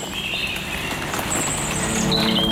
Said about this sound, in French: des oiseaux se moque de la pluie.